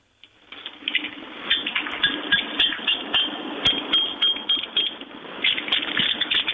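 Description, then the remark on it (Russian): Keys tap across three metal bolts in a rapid, irregular run of bright metallic clinks and ticks as someone tries to play a melody on them, fairly steady in loudness throughout, with no talking. “Шпан-болт, а давайте сыграем по каждому. Пам-пам-пам, по трем проведем.”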